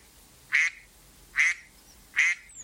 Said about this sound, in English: Mama Duck cheered on them with loud, excited quacking.